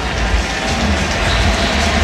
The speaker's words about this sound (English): You hear the crowd roar because it is another Philadelphia Philly, Brandon Marsh, stepping to the plate for the first time tonight.